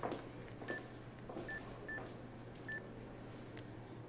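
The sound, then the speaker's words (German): Four short keypad tones sound at an uneven pace as a number is dialed on a mobile phone at an airport, clear over a low steady background hum. “Paris holt sein Handy aus der Tasche.”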